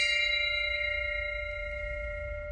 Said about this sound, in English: That bell resonating might ring forever.